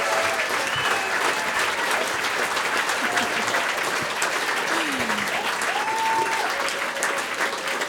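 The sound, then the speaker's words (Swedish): Sustained applause from a large audience at the end of a two-hour tribute concert on P2 fills the whole stretch, a dense, steady wash of clapping at even loudness, with a few faint whistles or cheers rising briefly above it. “Ge dem en applåd till.”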